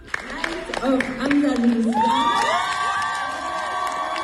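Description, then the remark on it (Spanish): A large audience breaks into an ovation for a large-format ceramic piece, a reinterpretation of the Alhambra vase, with loud rising cheers and whoops over a steady wash of scattered clapping, sustained throughout. “Esta es la ovación para la Luz de Andalucía”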